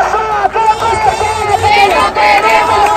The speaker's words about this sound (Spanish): Así sonaba anoche la manifestación por la vivienda en Málaga